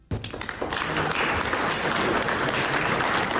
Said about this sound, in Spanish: Los otros presidentes del G7, los mandatarios del G7, lo aplaudieron así.